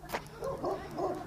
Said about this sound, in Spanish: Yo sabía y venía pensando, porque es la tercera vez que pasa por acá y el perro me ladra. Ahí está, es la tercera vez que paso por acá, el perro me ladra, la atacó.